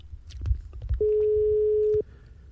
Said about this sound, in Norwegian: Og det ringer... Nei, der la de på selv, så det er greit.